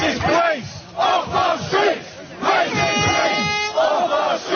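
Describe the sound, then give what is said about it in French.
A crowd of protesters at a far-right rally called by activist Tommy Robinson shouts and chants in loud, rhythmic bursts while throwing bottles, bricks and bins at police, voices rising together in repeated surges, with a brief high whistle-like tone cutting through near the end. “Les manifestants lancent des bouteilles, des briques et des poubelles sur les portes de l'ordre avant de se diriger dans la rue où habite la famille du meurtrier.”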